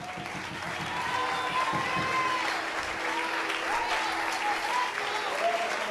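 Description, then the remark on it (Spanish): An audience at a church service applauds God in a steady, dense wash of clapping, with faint sustained tones and murmuring voices mixed underneath throughout. “Dale aplauso al rey.”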